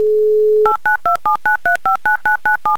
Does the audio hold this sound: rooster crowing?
no